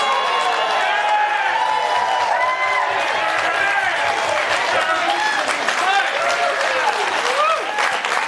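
A large crowd applauds steadily throughout, dense clapping mixed with whoops and cheering voices, loud and sustained for the full eight seconds with no pause.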